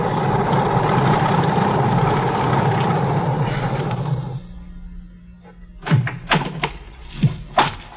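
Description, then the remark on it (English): A small single-engine plane rumbles steadily as it taxis up the airport strip, then the engine drops to a low idle hum, followed by a few sharp knocks and clunks. “Got to the airport just as the plane taxied up the strip. A single engine job, just right.”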